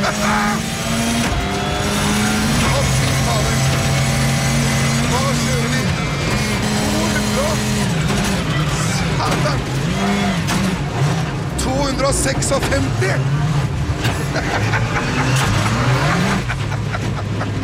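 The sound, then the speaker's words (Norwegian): A car speeding at over 200 km/h on a mountain road at Gol, its engine roaring and revving up and down through gear changes with occasional tire noise, loud, while voices talk over it. “har jo faktisk vært i bilen med Henning Solberg på tur i over 200 kilometer i timen for noen år siden”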